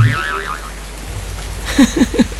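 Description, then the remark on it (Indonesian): A steady wash of heavy rain hisses throughout, with a brief warbling tone early on and voices starting to speak near the end over the downpour. “Udah kasih tahu belum kalau kita kejebak hujan dan kemungkinan bakalan banjir?”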